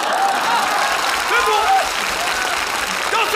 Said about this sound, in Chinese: 你还非得大伙给你鼓掌啊？ 鼓掌也不坐。 不坐就继续鼓。哎呦喂，来就来吧，还鼓什么掌？